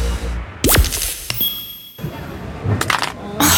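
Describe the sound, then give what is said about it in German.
A mobile phone drops and clatters onto a hard surface in several sharp impacts, with glassy clinks and a brittle crack as the screen breaks. “Mein Handy. Oh, komm schon, geh wieder an, komm. Oh, das ist ärgerlich.”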